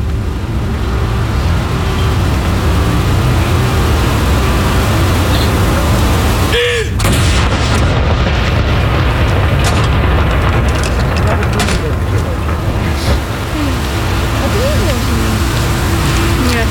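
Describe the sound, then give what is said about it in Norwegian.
A single salute cannon fired from Akershus Fortress in Oslo, Norway, booms once, sharp, partway through, set against a steady wash of outdoor rumble and background voices. “Stille og rolig og få med seg saluttene derfra nede på kaja. Andre kanon!”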